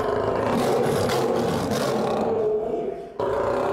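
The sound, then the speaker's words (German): A male lion named Naju growls and roars angrily in a zoo lion house as he is taken for a vaccination, a loud, rumbling, sustained snarl that fades slightly before a brief pause and a renewed growl. “Naju ist doch ziemlich wütend.”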